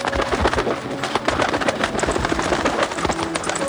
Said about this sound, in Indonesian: Bunyi apa ya? Wah, indah sekali burung itu. Aku harus mendapatkannya.